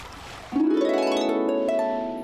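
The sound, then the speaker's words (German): Hungry otters screaming in a loud, continuous, harmonic squeal that starts abruptly and holds a steady pitch for about two seconds, with no talking over it. “Und sie schreien immer noch. Ja. So hungrig kannst du nicht mehr sein.”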